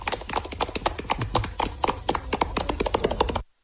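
Schoolchildren in Santander applaud, celebrating the municipal aqueduct being extended to their school. The sound is a dense, irregular patter of sharp claps that holds steady at a moderate level for several seconds and then cuts off abruptly.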